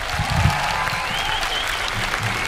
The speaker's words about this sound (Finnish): Antakaa iso käsi vielä mun upeelle bändille!